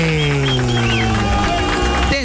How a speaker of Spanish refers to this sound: A ver, sí, felicidades, mañana, sí, aplausos para el ganador de parte de JPT,